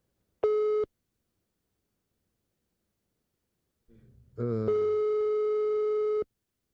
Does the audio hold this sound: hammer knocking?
no